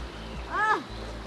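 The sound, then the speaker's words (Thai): River water rushes and splashes steadily around someone standing in the middle of a river at Ban Huai Pha, a continuous wash of noise, with a brief rising-and-falling vocal sound in the middle. The water is very clear and very cold. “โอ้โหตอนนี้นะคะเราลงมาอยู่ที่กลางแม่น้ำหน้าแล้วนะคะของบ้านห้วยผ้าแล้วก็น้ำใสมากแล้วก็เย็นมากด้วยนะคะ”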